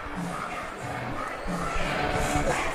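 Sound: stadium crowd noise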